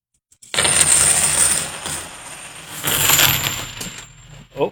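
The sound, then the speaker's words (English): 90% silver coins spill through a hole in a bag in a dense, loud, jingling cascade, with metallic clinks swelling twice before a final brief rattle. “Yeah, there was a hole in the bag. So let me gather them up, and we will do the 90% silver coin.”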